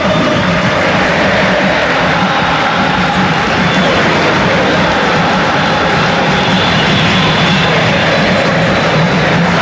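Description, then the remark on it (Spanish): A huge crowd of football fans in the stands of the Estadio Monumental chants and roars loudly, a dense, continuous wall of voices that holds steady throughout, with a faint rhythmic swell but no single voice standing out. “Los aplausos luego ya con todas las tribunas y ustedes escuchen el cántico de los hinchas.”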